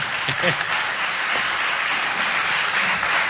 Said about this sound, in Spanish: Fuerte el aplauso